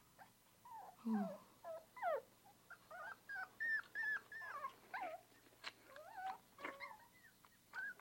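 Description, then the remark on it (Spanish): A small dog whimpers and whines repeatedly in high, quavering cries, fairly loud, with short breaths and yelps between them and no one talking. “Quizás este perrito nos enseñe algo a nosotros.”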